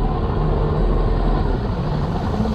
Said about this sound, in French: Un moteur. Il bondit sur ses jambes. Un bateau approche de son île.